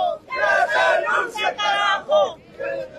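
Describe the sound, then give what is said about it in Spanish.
A large crowd of protesters on the march for life, arriving at the Conani sector, La Paz, Bolivia, chants loudly in unison against the government of Rodrigo Paz Pereira, demanding his resignation, their massed voices rising and falling in short rhythmic phrases with brief gaps between each shouted line. “Que renuncie el Paz Pereira, ese es el grito de Bolivia.”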